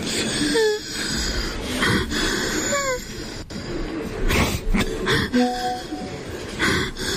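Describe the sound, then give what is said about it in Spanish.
A man sobs loudly in wheezing, high-pitched bursts, each breath rising into a strained whine, repeated several times over a few seconds with ragged gasps between them. “¿Cómo llora, ve? Parece que estuviera desinflando el viejo.”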